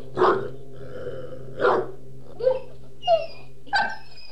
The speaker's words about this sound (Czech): Nekoro asi zaslechl Dingovo žalostné vití.